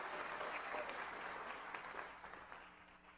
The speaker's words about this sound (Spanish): Denle un aplauso de alabanza al Señor. Aleluya.